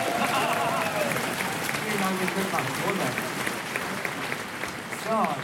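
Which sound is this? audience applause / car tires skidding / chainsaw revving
audience applause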